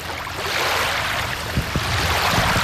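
Gentle water laps steadily at the shore of the Doktorsee lake in fine weather, a soft continuous wash broken by a few small, low splashes near the end. No one speaks.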